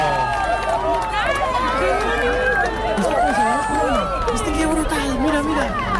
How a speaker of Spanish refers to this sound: Aplausos, lágrimas, gritos, abrazos, mucha emoción.